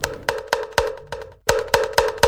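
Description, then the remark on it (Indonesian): A kentongan bamboo slit drum is struck in a steady rhythm, about ten sharp hollow knocks with a brief pause midway, each hit ringing with a woody, resonant tone. “Waktunya kentongan.”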